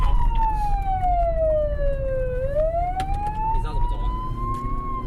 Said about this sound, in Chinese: 警车、民警笛争分夺秒送腹痛的患者前往医院。